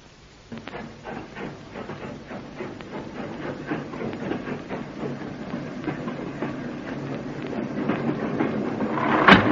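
A night train to Glasgow rolls steadily along the rails, its wheels beating a regular clickety-clack over a low rumble that grows slightly louder, ending in a brief hiss.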